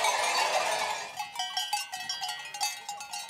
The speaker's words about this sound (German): Jetzt kommen sie in der Nacht, die Schafe. Da bleiben sie bis morgen noch früh und von hier aus schlafen sie dann.